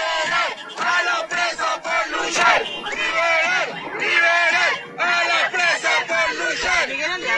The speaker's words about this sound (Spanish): Gritos de libertad para los presos, para las presas, para todas las compañeras, compañeros, compañeres que están secuestrados en las cárceles, que no pueden estar despidiendo a la compañera Luisa.